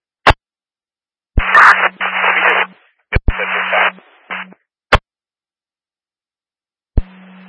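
Crackling radio transmissions come in short bursts of hissing static with a low hum, broken by sharp clicks as the channel keys on and off, loud.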